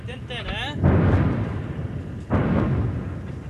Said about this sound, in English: And that was a really big boom. Another airstrike in the location near Ali al-Tahrir Hill, where Israel says it detonated a series of tunnels in a Hezbollah command center recently.